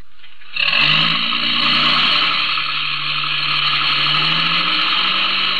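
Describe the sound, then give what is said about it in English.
A truck's loud engine roars to life after a brief quiet moment, then holds a steady, rough drone as it revs slightly higher while the truck pulls away. No voices. “Get in the truck.”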